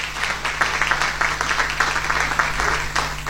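A crowd at a ceremony for a campaign on dignified treatment of older adults applauds steadily, dense overlapping claps filling the space, sustained and even throughout with no pauses.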